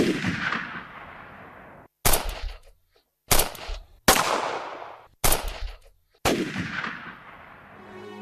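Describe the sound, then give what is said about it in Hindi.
A burst of gunfire in the dark inside a factory whose lights have been cut: several loud, sharp shots crack out at irregular intervals, each followed by a rolling echo that fades away, with brief silences between some of the blasts. “हर तरफ अंधेरा हो गया और अंधेरे में गोलियां चलने लगी।”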